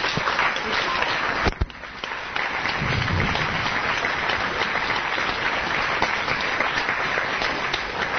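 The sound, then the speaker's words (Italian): Sustained audience applause, a dense steady wash of many hands clapping at fairly loud volume, with a brief sharp dip and crack early on before the clapping continues evenly to the end. “se troverai che un eventuale applauso finale venisse indirizzato a loro.”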